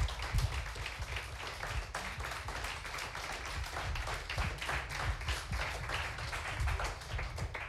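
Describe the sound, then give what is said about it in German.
Steady audience applause as the finalists are called to the front at the end of a final, many hands clapping in a dense, continuous patter that holds at a fairly even level for several seconds without any voices. “Dann bitten wir unsere Finalisten nochmal unter Applaus hier nach vorne.”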